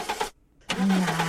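A car engine cranks but does not catch, two grinding starter bursts split by a brief pause, the second longer with a low whirring drone, loud.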